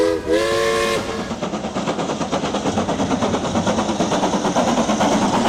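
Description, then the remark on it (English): An Isle of Man Railways steam train's whistle shrieks for about a second, then the engine chuffs away in a steady, quickening rhythm of puffs and clanks, loud, with no voices. “All steamed up and ready to go time travelling”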